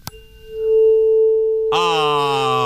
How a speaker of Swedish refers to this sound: Med tonen A.